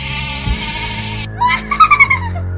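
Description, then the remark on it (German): A steady whooshing hum gives way to a sheep bleating in distress: one loud, wavering cry that breaks into several quick trembling pulses, clear, with no talking. “Dann schau mal, wie dieses Schaf mit diesem Feuerball zurechtkommt.”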